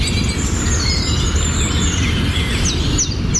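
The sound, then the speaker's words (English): Bird sound effects: birds chirp and tweet in quick high bursts over a steady, heavy low rumble, with a few sharp rising calls near the end and no voices. “So instead of hearing people chatting to each other, you'd just be hearing bird sound effects.”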